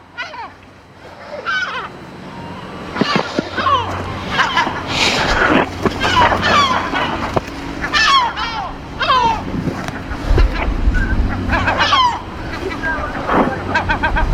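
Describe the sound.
Harsh seagull cries ring out again and again, loud, as the gull repeatedly dive-bombs people, over steady wind and surf, with indistinct voices murmuring in the background.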